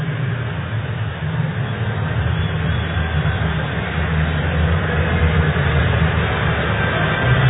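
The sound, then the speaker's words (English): A large Houston baseball stadium crowd boos the decision to intentionally walk Yordan Alvarez, in a steady, low, rumbling roar that holds for several seconds and swells slightly louder toward the end, with no clear voices rising above it. “And you can hear the utter disdain from Houston's crowd on that decision by Mark Kotze.”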